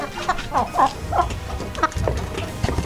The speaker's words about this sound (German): müssen Sie ja raushören, welches Huhn preisgekrönt ist, was jetzt hier gackert.